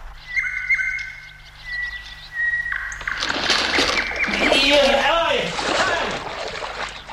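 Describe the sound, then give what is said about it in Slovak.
Recorded nightingale song played back from a sound-recording device: thin, sustained whistling notes ring out for a few seconds, then a narrow bench breaks and someone falls into water with a loud, messy splash, a brief scream mixed into the churning. “mohla by si mi toho Slávika zo zvukolapky znova pustiť? Pravda, že? Len počúvaj. Mám tam aj tú polámanú lavičku.”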